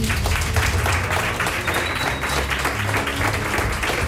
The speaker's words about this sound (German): Großen Applaus an die beiden.